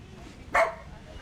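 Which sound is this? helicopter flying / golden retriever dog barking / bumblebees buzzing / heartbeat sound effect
golden retriever dog barking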